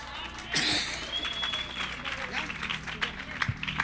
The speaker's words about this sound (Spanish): Que ha sido un aplauso, es que hermano, más fuerte los aplausos, más fuertes aplausos.